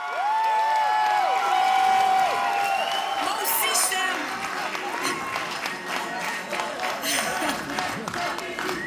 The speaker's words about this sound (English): That gets everyone chanting together again. Ce n'est qu'un début, continuons le combat. It's just the start, let's continue the fight.